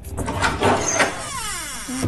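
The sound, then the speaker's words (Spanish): The door of a newly bought, plugged-in, empty refrigerator swings open with a scraping rustle, then its drawn-out squeaky hinge creaks in wavering, falling tones, fairly loud, with no one talking. “Eso digo yo, se echan de menos una cervecita fresquita y un poco de aceite lubricante en la puerta, que chirriaba como el ataúd del Conde Drácula,”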